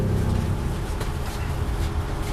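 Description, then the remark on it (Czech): Steady, heavy low rumble of a moving train bound for Mariánské Lázně, heard from inside, holding an even level throughout, with faint rattling bursts riding over the drone and no voices. “sedím ve vlaku směr Mariánské Lázně, kam jedu úplně poprvé v životě.”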